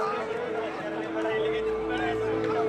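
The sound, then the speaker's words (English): A steady hubbub of football fans gathering on match day to cheer on their team, many overlapping voices chattering at once with a faint sustained tone running through the noise, continuous and fairly loud throughout. “And finally, it's match day. More and more fans are starting to gather to cheer on their team.”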